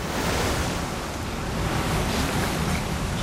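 A steady, loud roar of rushing water fills the whole stretch, dense and unbroken like the violent, foaming torrents of a fast-flowing river with a strong current, with no voices present.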